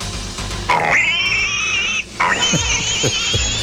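A pig squeals loudly in two long, high-pitched drawn-out cries, with a few short low grunts near the end.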